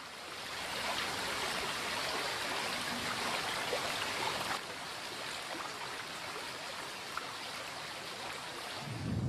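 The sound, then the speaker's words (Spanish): A mountain torrent of snowmelt in the Astún valley rushes without pause, a dense, hissing roar of churning water that holds steady in loudness for the whole stretch, with no voices. “Ocupado por las nieves durante largas temporadas, Astún es un valle recoleto de singular belleza, que se olvida de los esquiadores cuando la nieve se deshace en arrolladores torrentes.”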